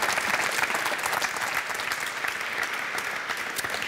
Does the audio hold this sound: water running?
no